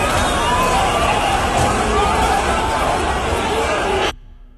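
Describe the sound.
A reconstructed sound of an attack: a dense, loud crowd roar of many voices and rushing movement as people panic and stampede fills the scene steadily for about four seconds, then cuts off abruptly into near silence.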